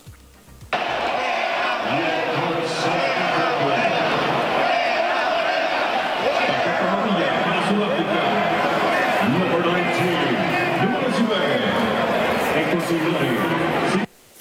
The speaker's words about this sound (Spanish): Al minuto 74 del partido México-Sudáfrica en el Estadio Ciudad de México, una parte de los aficionados comenzó a gritar, ¡fuera Morena! Vamos a escuchar.